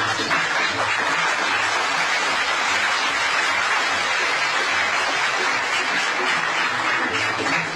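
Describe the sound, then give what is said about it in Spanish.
A steady burst of applause, many hands clapping in a dense, even wash of sound that holds at the same strong level for about eight seconds, with no one talking. “Muy bien, aplausos para los chipilines.”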